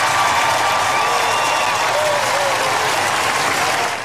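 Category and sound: crowd, crowd applause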